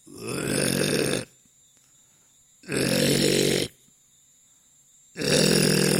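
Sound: voice imitating snoring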